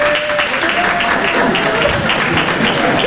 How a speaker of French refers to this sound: 300 personnes, t'entends la tristesse de l'applaudissement, comment elle est triste ? Voilà. C'est pas un applaudissement, ça, c'est du morse que t'as fait. T'as fait SOS, SOS.